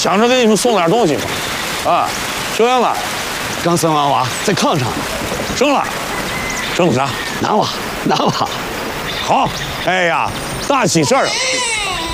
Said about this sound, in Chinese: 刚生完娃，在炕上呢。 生了，生的啥？ 男娃，男娃。 好。 哎呀，大喜事儿！咦， 这哭着声音还大了很啊，底气足。